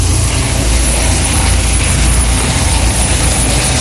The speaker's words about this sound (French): L'hélico du SAMU qui passe actuellement au niveau du tournant Z et qui continue sa montée donc direction les sorties nord de Salazie.